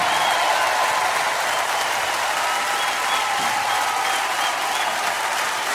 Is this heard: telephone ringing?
no